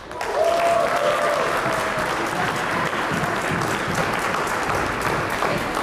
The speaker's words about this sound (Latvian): Ovācijas zālē sāka skanēt tad, kad manuālajā skaitīšanā tika nosaukts uzvarai nepieciešamais skaitlis 68.